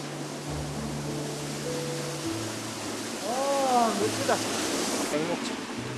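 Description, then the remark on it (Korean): A mountain waterfall on Jirisan rushes in a steady, dense hiss that never lets up, with a low hum beneath and a few brief, rising chirpy tones partway through. “폭포를 벗삼아 나누는 시원한 차 한 잔도”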